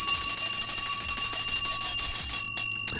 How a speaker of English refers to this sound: And the bell of blessings.